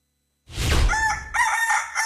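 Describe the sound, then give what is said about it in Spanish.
A rooster crows loudly, one strident cock-a-doodle-doo breaking into sustained, slightly wavering high notes, with no voices around it. “Desde que el gallo canta, usted sintonice el Sacudón Mañanero por Estelar 93.5.”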